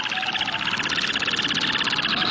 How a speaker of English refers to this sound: over the tundra, and in a low, buoyant flight, issues a long series of hooting calls over areas frequented by females.